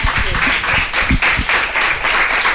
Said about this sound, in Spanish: Un aplauso.